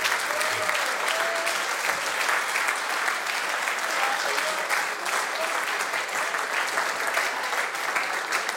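Sustained, dense applause from a large crowd, steady and loud throughout with no break, a continuous wash of clapping like a standing ovation; faint voices and whistles flicker underneath.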